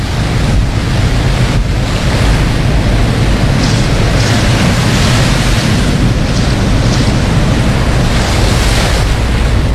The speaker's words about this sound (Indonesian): Kencang sekali nih gelombangnya.